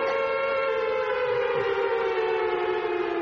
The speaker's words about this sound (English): She never let me get a word in edgeways, so in the end I cranked up the siren and let rip.